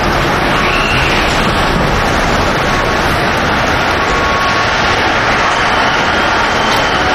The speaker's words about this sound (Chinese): 每天下午14:35，都有一趟从黄山始发的高铁 G2556 到达北京南站。